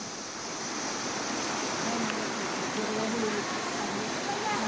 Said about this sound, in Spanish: Bueno, pues ahí escucharon, los hermanos van cruzando un río, hermano. Van cruzando. Esto no es relajo, esto no es cuento, hermano.